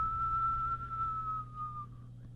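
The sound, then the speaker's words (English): A single sustained whistled note held steadily for about two seconds, slowly fading and dipping slightly at the end, over a low background hum; a person whistling to imitate the north wind blowing. “Next to the north wind began to whistle.”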